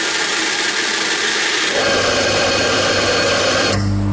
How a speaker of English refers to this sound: You know what that is? I cannot say. It's an espresso machine. It's a coffee machine.